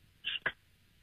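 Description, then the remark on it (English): A radio caller from Penrith imitates a can being opened with his voice: a short, bright hiss followed at once by a sharp mouth pop, both fairly loud and over within half a second, with quiet around them. “All right, your reverse secret sound, opening up a can to your own interpretation.”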